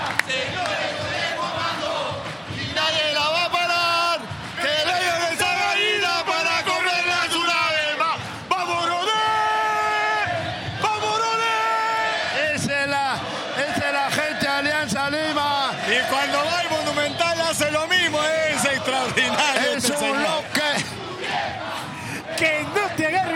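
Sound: stadium crowd shouting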